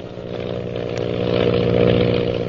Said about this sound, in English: Lily DeVril's powerful plane zooms on in an attempt to elude the mysterious pursuer.